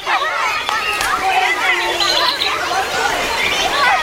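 Outdoor ambience filled with many overlapping voices chattering at once, a steady, lively murmur of a crowd that holds at an even level throughout, with no single voice standing out.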